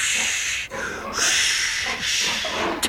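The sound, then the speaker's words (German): A pig on Trotter's pig farm grunts and snorts in a few breathy, hissing bursts, rough and airy rather than deep, running almost without pause over the short stretch with no voices. “Dieses lustige Gegrunze.”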